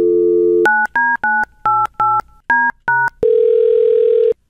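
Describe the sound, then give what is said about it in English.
A phone line hums with a dial tone, a quick run of about eight touch-tone beeps is keyed in, then a steady ringing tone starts before the call is answered. Clear, no voices. “Yeah, what took you so long to answer the phone?”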